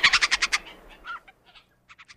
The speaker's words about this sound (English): even as 8 years later, I keep calling it a gray jay or hesitating before I call it anything. What's in a name? That which we call a Canada Jay by any other name is just as sweet.